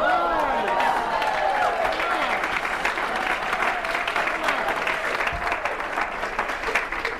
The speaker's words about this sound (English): Now you clap, but can you feel the haters in the room?